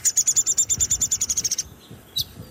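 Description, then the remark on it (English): A downy woodpecker gives a rapid chattering run of about fifteen sharp, high notes lasting over a second, then one more isolated call after a brief pause, clear. “downy woodpecker. He's sort of chatter, chatter, chatter to some extent, too.”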